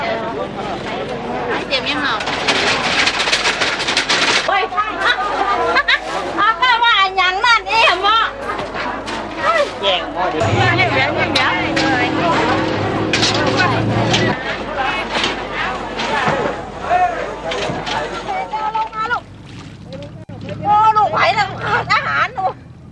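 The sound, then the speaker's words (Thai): Dense crowd chatter fills a busy fresh market in the centre of Lampang, Thailand, before dawn, as people shop for many kinds of goods. Many overlapping voices, with children's shouts and a passing vehicle rumbling underneath, busy and loud throughout. “ก่อนอรุณรุ่งตลาดสดใจกลางเมืองลำปางก็เริ่มแน่นขนาดด้วยผู้คนและสินค้านานาชนิดแต่บรรยากาศในวันนี้ดูจะคึกคักเป็นพิเศษด้วยชาวลำปางตั้งใจจับจ่ายข้าวของมากมายเพื่อเตรียมสำหรับงานบุญประจำปีโดยเฉพาะ”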